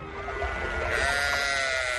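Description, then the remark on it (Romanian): A dying goat, struck by a falling rock, bleats in a drawn-out, quavering cry that fills about two seconds, fairly loud, with no voices around it. “Oh, capra aia trage să moară. A lovit-o stânca în cădere.”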